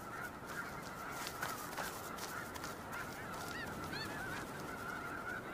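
A flock of geese honking continuously, many overlapping calls, fairly loud, with a steady noisy background throughout.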